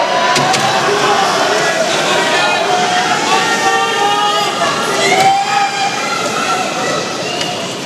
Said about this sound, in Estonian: Siit kuuleme, kuidas ikkagi Prantsusmaa publik on ka kaas elamas.